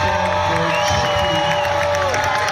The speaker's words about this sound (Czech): Bylo 24 týmu, ty děti jednak o Star Game, ale ono to je vidět i při tom fandění, že ty děti je lepší atmosféra, musím říct teda, než na extralize.